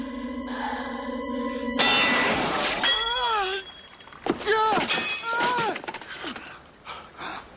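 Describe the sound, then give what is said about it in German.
A sustained ringing tone cuts off into a sudden, loud shattering of an unbreakable sword, a bright crash with crackling debris, followed by voices crying out and gasping. “Du hast zerbrochen, was nicht zerbrochen werden konnte. Eine unschlagbare Waffe, das Schwert Excalibur.”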